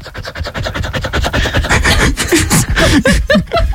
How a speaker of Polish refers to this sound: Zaprezentować, bo wyciąłem samo dyszenie z twojej głosówki.